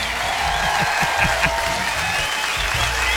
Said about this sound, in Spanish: ¡Y la ovación se escucha!